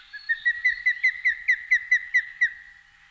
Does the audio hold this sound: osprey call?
yes